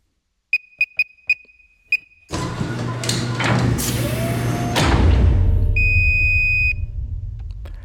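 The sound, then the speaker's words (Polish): An electronic safe at Radio Łódź beeps five quick times as a five-digit code is keyed in, then a loud mechanical whirring and clunking rush as it unlocks and opens, with one longer steady beep near the end. “Nasz sejf się otworzył, co oznacza, że pana kod jest prawidłowy.”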